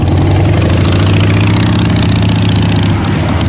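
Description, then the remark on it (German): A motorcycle engine idles, a steady, loud, throaty rumble with an even low pulse that holds for the whole stretch without revving up. “Wir tauschen den Anzug gegen die Kutte und starten raus in die Rockrepublik, zum Beispiel im Sattel.”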